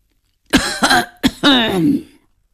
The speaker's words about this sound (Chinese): 突然咳嗽了一声，董秘书硬生生改了口